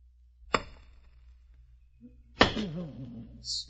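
Two sharp, solid thwacks of an axe biting into wood as someone chops wood, spaced about two seconds apart, the second followed by a brief low grunt-like voice and a faint hiss.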